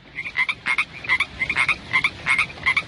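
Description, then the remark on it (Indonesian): A frog croaks repeatedly in a steady, pulsing rhythm, about a dozen raspy calls in quick succession, fairly loud with no voices. “Pada musim hujan, biasanya sering kita temui katak dan juga kodok.”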